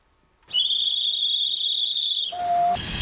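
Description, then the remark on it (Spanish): A loud, steady, high-pitched whistle from a steam train of the historic, 100-year-old Furka-Oberalp railway in the Swiss Alps, climbing from Realp to the Furka Pass, holds for about two seconds, drops briefly to a lower tone, then gives way to a rush of hissing steam. “En Suiza, un ferrocarril de vapor celebra 100 años recorriendo los Alpes gracias al esfuerzo de cientos de voluntarios.”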